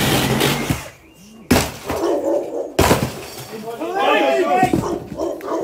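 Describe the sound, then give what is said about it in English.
A plastic front door is violently smashed open by police officers making an arrest: loud cracking, splintering crashes in two heavy bursts, followed by raised, agitated voices. “and rips or tears through the centre of the plastic front door.”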